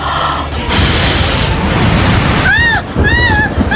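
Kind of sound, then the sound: nature, heavy rain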